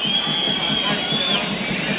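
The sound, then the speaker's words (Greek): A football stadium crowd applauds and cheers an Argentine player for his effort, a steady, dense wash of noise for two seconds, with a thin high whistle-like tone gliding through the upper range. “Μπαλάνε πλάγια για τον Όφη, κερδίζει το χειροκρότημα όμως ο Αργεντινός για την προσπάθειά του.”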